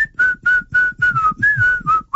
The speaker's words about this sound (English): Can you do the whistle?